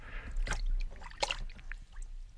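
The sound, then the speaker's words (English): Splashing and sloshing water as an arm is lowered into a tub of very cold water, with a couple of sharper splashes and gentle trickling, moderately loud, with no talking. “So, okay, get yourself a tub of very cold water, like this one here. Lower your arm into it, like so.”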